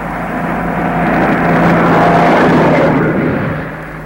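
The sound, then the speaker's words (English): A lorry's engine rumbles, swelling to a loud peak mid-way and then fading slightly as it passes, a broad steady roar with no voices. “When the lorry has gone, they all look round and listen again.”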